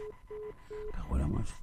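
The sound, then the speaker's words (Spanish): A phone line's failed-call tone: three short, evenly spaced electronic beeps at a steady pitch, followed by a recorded voice starting to say the dialed number is unavailable, over faint line noise. “Es que esta telefónica que tenemos aquí es un desastre, tío.”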